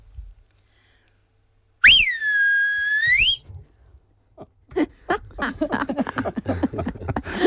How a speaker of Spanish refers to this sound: Pero a ver, ¿cómo le silbabas a las ovejas? ¿Te silbo aquí? Por favor.